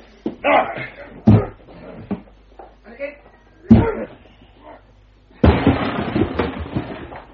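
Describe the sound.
Heavy shoulder blows thud against a wooden door, two solid impacts followed by a loud splintering crash as it gives way, with grunting voices and talk between the blows.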